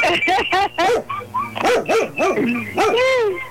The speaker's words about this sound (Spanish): Sí. Ahora sí me trajiste al perro, mijito. Sí, ahora te traje todo el animalero, ya.